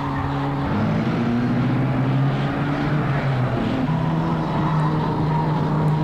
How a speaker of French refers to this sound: Il fonce dans le sable. Genevois le voit. Tout d'un coup, Cliff a freiné. Il tourne.